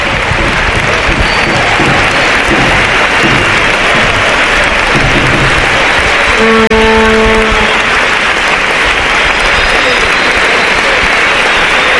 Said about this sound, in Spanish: hoy se marcha ovacionado por parte de la afición del Real Club Recreativo de Huelva. Se escuchan los aplausos, os lo ponemos para que lo escucháis.